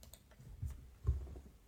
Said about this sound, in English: She says, clicking but not playing.